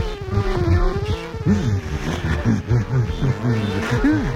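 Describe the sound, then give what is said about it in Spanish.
A fly buzzes loudly and continuously for a few seconds in a laboratory, its whiny drone rising and dipping in pitch as it darts and circles; it is the character Proteo, turned into a fly. “Convertido en una mosca para poder llevar a su novia Amo de paseo, Proteo volaba por el laboratorio de las diamujeres y aprovechaba para jugarle una broma al profesor Hubertus.”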